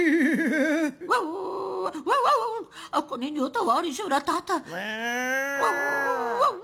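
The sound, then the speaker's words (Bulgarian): A voice imitates a dog, whimpering and wavering while speaking Bulgarian, then ends in a long, rising-and-falling howl-like wail. The whines are high-pitched, loud, and run continuously through the talk. “И кучета!”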